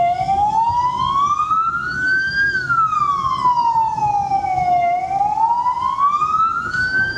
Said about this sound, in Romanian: În toată harababura din intersecție, haosul devine complet în momentul în care se aude o sirenă de ambulanță sau poliție.